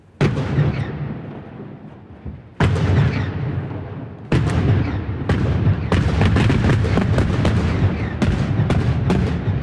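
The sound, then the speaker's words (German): A series of heavy rock-blasting explosions booms out on a rock face above Lake Uri (Urnersee), at the Axen between the cantons of Uri and Schwyz, Switzerland, this morning. They mark the construction start of the Morschach tunnel for the new Axenstrasse. The first blasts are spaced apart, then comes a rapid string of sharp detonations, each with a deep rumbling echo. No voices. “So tönt es heute Vormittag an einem Felsen über dem Urnersee, am Achsen zwischen den Kantonen Uri und Schweiz.”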